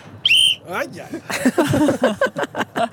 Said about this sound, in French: Je vais prendre mon sifflet. Je sens que je vais prendre mon sifflet.